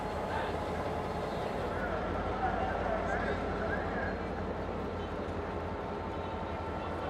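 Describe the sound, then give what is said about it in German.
Busy train station ambience at the station in Tanta, a rail hub in Egypt's Nile Delta: a dense, steady wash of crowd murmur and low rumble with no pauses, holding an even loudness throughout the roughly seven seconds. “Da ist auch der Bahnhof, stattlich.”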